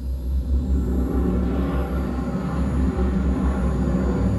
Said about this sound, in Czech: Smithy, zážeh brzdících systémů. Provedu, pane kapitáne. Navádíme loď na přistání.